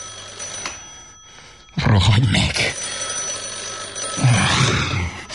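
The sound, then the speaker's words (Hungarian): A telephone bell rings steadily throughout, a continuous metallic trill in the background, while a person shouts over it twice in loud, irritated bursts. “Rohadj meg, akárki! Telefonálsz.”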